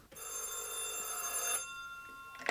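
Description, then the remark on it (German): A telephone bell rings with a bright, sustained metallic trill for about a second and a half, then stops, with a faint start of another ring at the very end. Fairly loud. “Und ein Zufall brachte Tim mit diesen Leuten in Verbindung. Der Zufall bediente sich des Telefons.”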